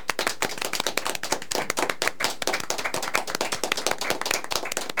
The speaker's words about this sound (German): Und deshalb einen großen Applaus hier bei uns im Studio für Uschi.